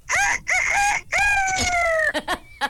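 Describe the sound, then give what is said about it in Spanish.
A person imitates a rooster crowing: a few short clipped calls, then one long drawn-out, strained cock-a-doodle-doo, ending with brief choppy whoops, loud. “Yo imito un gallo.”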